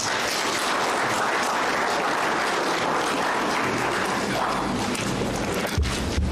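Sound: audience applause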